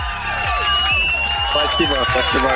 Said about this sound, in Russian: Ты ответил абсолютно правильно. Эти аплодисменты для тебя и колонка тоже.